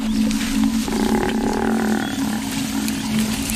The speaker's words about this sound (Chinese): 非洲水牛呼唤同伴的叫声打破了清晨的宁静。斑鬣狗听到了非洲水牛的求救声，他们推断有狮子抓到了非洲水牛，可是在哪儿呢？